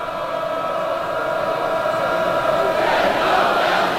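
A loud, raucous baseball stadium crowd at a night game, after a two-hour weather delay, roars steadily, a dense wash of cheering and shouting that swells a little louder toward the end.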